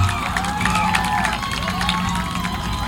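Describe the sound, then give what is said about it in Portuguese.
A crowd at Agrovila 18 breaks into steady, loud applause for the first candidate of a pageant parade, dense clapping mixed with cheering and shouting voices, holding at an even level throughout with no pause. “Por favor, uma salva de palmas para ela.”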